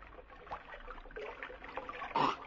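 Stream water trickling and gurgling steadily as someone drinks from it, with a brief louder slurp or splash near the end.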